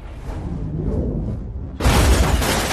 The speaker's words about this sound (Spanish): Taskmaster saca una flecha del arco y la dispara por debajo del auto. La flecha explota, lanzando el auto por los aires en una enorme explosión.